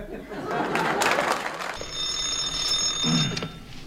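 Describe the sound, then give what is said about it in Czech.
A telephone at the dispatcher's desk of the Nimroda national enterprise rings with a high, steady tone for a couple of seconds, following a brief stretch of noisy clatter, with no voices heard. “Ano, ano, u telefonu dispečer Kňourek.”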